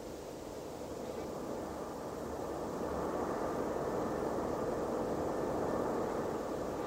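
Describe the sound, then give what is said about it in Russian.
A steady, low droning rumble of German aircraft passing overhead at night, their red and green lights in the sky, broad and continuous, growing slightly louder over several seconds with no voices. “Это же самолеты от немцев летят.”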